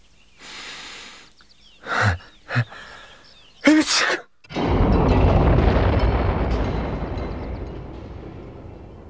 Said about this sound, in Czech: Je z tebe silák. Kýchl jsi tak mocně, až na kopci v lese spadl Týřov.